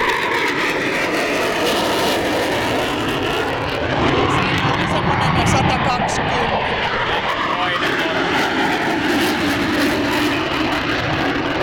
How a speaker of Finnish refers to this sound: Vähän alle 120 oli tossa, tääkin oli Tornado. Eli ainakin saksalaiset hävittäjät, Tornado ja Eurofighter, niin semmoista 120 desibeliä melua pitävät noustessa.